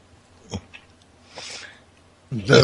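A short, loud, croaky burp bursts out at the end, preceded by a few faint breathy snorts and puffs of air.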